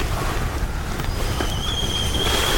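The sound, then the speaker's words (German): A kettle of water boiling for a cup of tea gives off a steady, rushing rumble, and a thin, high whistle starts partway through, rising slightly in pitch and growing more prominent toward the end. “Oh, das Wasser kocht bereits.”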